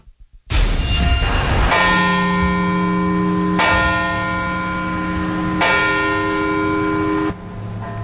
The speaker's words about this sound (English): Back here in Maryland, Baltimore County leaders gathered in Parkville to commemorate the lives lost 25 years ago today. The bells were tolled and 3,000 flags were planted along Putty Hill Avenue